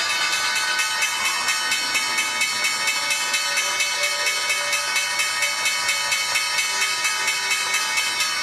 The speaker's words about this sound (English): The bell's bringing an end to the trading day at the NYSE. Envirai ringing the bell, and at the NASDAQ, Motley Fool Asset Management doing the honors.